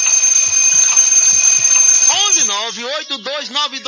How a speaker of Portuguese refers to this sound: Rapaz, aí você tá dormindo, né? Põe lá o despertador. Aí, não, só mais 5 minutos.